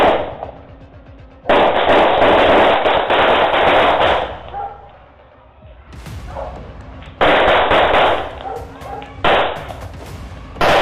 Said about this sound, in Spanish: Uno de los delincuentes hasta tira un disparo, aunque no se sabe si fue por la prisa o si de verdad quería defenderse del plomo. Lo impresionante de esta historia es que los demás disparos no eran reales.